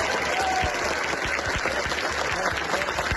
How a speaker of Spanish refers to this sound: Aplausos, abrazos y palabras de agradecimiento con los voluntarios que día y noche han colaborado con la atención a los desalojados en estos centros de acogida de Talavera.